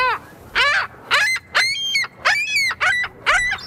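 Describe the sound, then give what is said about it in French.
A ring-billed gull gives a series of about seven loud, harsh, nasal calls in quick succession, clear with no voices. “Monsieur Fizet, on va l'écouter d'ailleurs, le goéland bec cerclé.”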